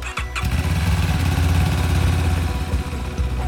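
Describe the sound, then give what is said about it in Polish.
The engine of a new motorcycle ambulance of the regional emergency medical service station in Łódź, Poland, used to transport blood and plasma, cranks and fires up, then settles into a steady, throaty idle with a low rumbling pulse, loud, with no voices. “Nowy motoambulans w Wojewódzkiej Stacji Ratownictwa Medycznego w Łodzi.”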